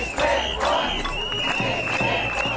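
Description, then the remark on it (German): A protest crowd of several hundred parents, daycare educators and children from Potsdam, Michendorf and Angermünde chants on the Alter Markt before the Landtag in Potsdam against the new Kita financing law, many voices shouting together in loud, rhythmic bursts with a steady, insistent cadence and a constant crowd roar underneath. “Mehrere hundert Eltern, Kita-Erzieherinnen und Erzieher und Kinder aus Potsdam-Michendorf und Angermünde haben heute Mittag gegen das neue Kita-Finanzierungsgesetz demonstriert.”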